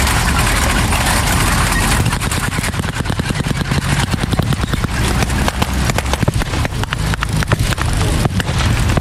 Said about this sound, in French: Très vite, le sol se met à vibrer sous le poids des semi-chenillés allemands prêts à repousser les alliés.